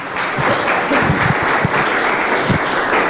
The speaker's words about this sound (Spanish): ¿Cuántos dicen gloria a Dios? Denle ese aplauso a Jesucristo.